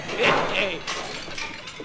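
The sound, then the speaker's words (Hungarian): A glass preserving jar smashes with a sharp crash, followed by a few scattered tinkling pieces settling over the next second or so. “Esebefőtes üveg volt, valóban.”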